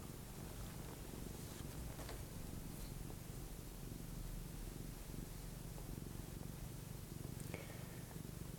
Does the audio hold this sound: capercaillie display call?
no